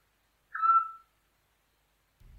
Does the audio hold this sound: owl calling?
yes